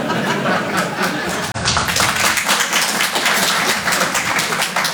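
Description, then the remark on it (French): A Paris audience applauds steadily and loudly for several seconds, voting by applause on whether there are not enough immigrants in France: a dense wash of many hands clapping, with a few chuckles and laughs mixed in and a brief dropout near the start. “Par applaudissement, qui pense qu'il n'y a pas assez d'immigrés en France?”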